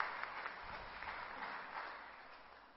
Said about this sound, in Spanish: Aplauso para todos ellos. Gracias, muchísimo. Gracias, gracias.